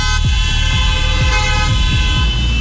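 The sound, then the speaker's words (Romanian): Car horns from four gathered cars honk loudly and continuously, several overlapping blasts sustained for the whole stretch, with a low rumble of traffic beneath and no talking; a man in a wheelchair is also honking. City street on a cool evening after a sunny day. “Uite, și domnul din scaunul rulant claxonează.”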